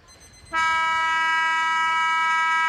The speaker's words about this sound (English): And he can go back and potentially kick after the siren, I reckon. Siren imminent.